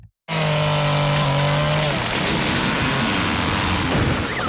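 A tree crashes onto a car: a sudden loud crash bursts in after a brief silence, with a sustained groaning tone and crunching, splintering debris that roars on for several seconds before slowly settling.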